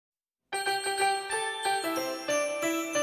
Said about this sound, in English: Hear those sleigh bells, kids? They're coming for you.